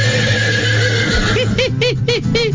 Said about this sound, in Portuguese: Ah, é o Marcão, o cavalo do vizinho.